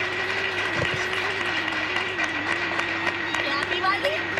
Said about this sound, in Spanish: Podéis aplaudir, para ver que la gente, que hay gente. ¡Vamos! ¡Vamos!